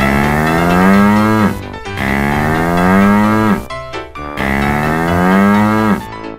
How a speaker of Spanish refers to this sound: Vaca. Cow.